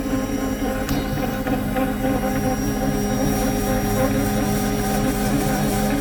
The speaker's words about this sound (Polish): Słyszycie taki syk? To znaczy, że ciasto się wyrabia prawidłowo.